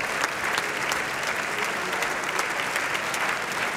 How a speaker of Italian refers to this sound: e tutti quanti adesso si avanzano per la seconda volta a prendere gli applausi del teatro.